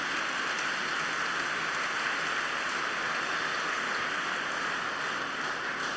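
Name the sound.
audience applause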